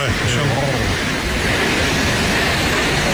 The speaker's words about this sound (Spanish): Son 222 metros de caída en un circo de piedra fabuloso. El sitio en sí ya es espectacular, pero claro, si ves caer esa cola de caballo, esa cola de agua, pues más todavía. Bueno, que mira cómo suena, digo, es que mira cómo suena.